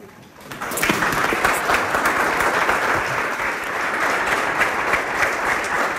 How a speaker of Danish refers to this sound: Er de klapper? Jeg har klippet noget klappet ud, faktisk, for at gøre det lidt kortere.